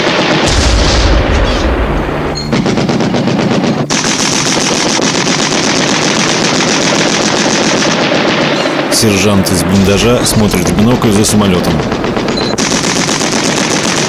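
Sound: anti-aircraft gun firing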